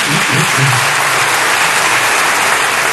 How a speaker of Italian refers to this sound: E su quello che è un po' il cardine di questa Costituzione tuttora in vigore, quello dei diritti sociali, c'è un applauso di una parte dell'aula, almeno per il fragore che si è sentito da qui, ma non si è vista l'immagine.